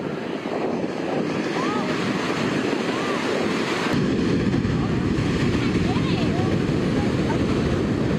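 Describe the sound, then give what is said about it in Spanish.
Strong ocean surf roars steadily and loudly at a beach in Santa Cruz, a dense rushing wash with wind buffeting the microphone and faint voices under the noise, as a lifeguard fights the strong waves to rescue a boy of about 10. “las imágenes se ve cómo el salvavidas luchó sin miedo contra las fuertes olas para salvar al menor.”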